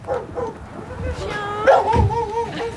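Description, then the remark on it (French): A dog barks and yips a few times at Le Bersan, the sounds mixed with some background voices and outdoor noise. “En tout cas, il y a un chien.”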